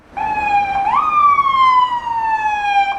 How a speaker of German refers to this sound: Ein Krankenwagen fährt über den Prager Karlsplatz vorbei an Jáchym Topol.